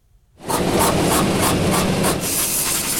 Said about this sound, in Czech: Na první poslech by podle zvuku mohla promítací kabina IMAXu připomínat autodílnu. Místo motorů a součástek tu ale mezi kovovými válečky visí lehce napnutý 3hodinový film Odyssea Christophera Nolana.